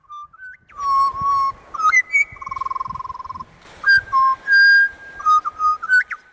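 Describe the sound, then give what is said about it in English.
A person whistles a warbling magpie imitation, a run of bright sliding and trilling notes with brief pauses, clear, with no talking. “That was my impersonation of a magpie, in case you couldn't guess it.”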